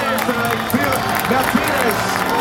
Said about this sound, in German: Und da hört man auch den Jubel im Hintergrund.